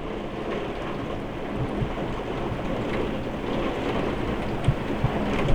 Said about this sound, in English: Well, it's raining. I was like, what is that noise? And then turn around and see that it is coming down out there now.